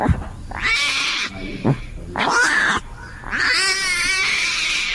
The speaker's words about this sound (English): And today, I was privileged to play mommy to a 10-day-old baby Bengal tiger. And this is what the baby tiger sounds like at that age.